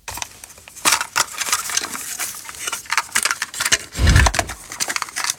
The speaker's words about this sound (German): Oh, dieses Plastikklackern. Pure Nostalgie. Der gute alte Kassettenspieler im Kinderzimmer damals oder als Walkman unterwegs. Das kennen die Streaming-Kinder von heute gar nicht mehr, aber vielleicht lernen sie es ja kennen.